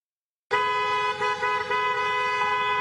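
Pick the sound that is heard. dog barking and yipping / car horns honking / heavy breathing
car horns honking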